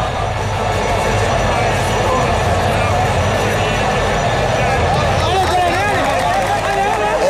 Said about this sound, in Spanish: Y aplauso, se reúnen, manos al centro, grito de guerra de los marroquíes que van a saltar con alma, vida y corazón a intentar jugarse la vida.